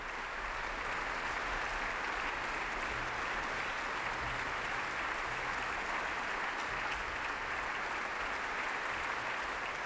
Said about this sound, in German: Am Schluss gab es dann langen Applaus für alle Beteiligten dieses Konzerts der Ouverture Spirituelle der Salzburger Festspiele.